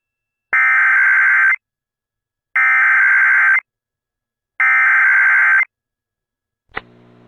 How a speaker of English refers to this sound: And tornado warning in the area now. I know, North Knox. Is it ours, too? Yeah, that would be our phones going off.